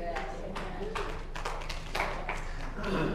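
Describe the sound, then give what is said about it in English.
A handful of sharp hand claps, about eight, come at an uneven pace with brief gaps between them, over a low, steady background murmur. “A few hand claps.”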